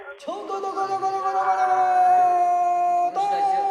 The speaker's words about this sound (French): avec ce chant de marin enregistré en 1912 sur ce fleuve bleu, comme il était appelé à cette époque